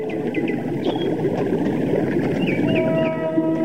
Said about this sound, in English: Up ahead is a waterfall. Hear it?